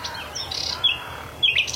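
A songbird sings at dawn beside a marsh forest, one of the first birds to start singing, with clear, high chirping phrases in the quiet and a couple of brighter whistled notes standing out over a soft low background hum.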